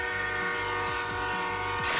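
A loud, sustained train horn blares continuously over a rumbling low roar as the train passes along a railway line, the pitch shifting slightly.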